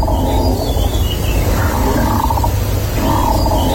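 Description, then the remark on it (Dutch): A wind turbine standing a few hundred metres from a farm in Tweede Exloërmond, Drenthe, groaning loudly and continuously, a deep rumbling drone with a moaning tone that swells and sags in pitch, plus a faint thin whine above it, no voices. “Het is een windmolen. Die op een paar honderd meter van de boerderij staat.”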